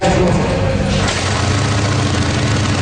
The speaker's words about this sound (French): En cette longue fin de semaine, bon nombre de deux-roues filent dans les rues bucoliques de Cleveland en Estrie.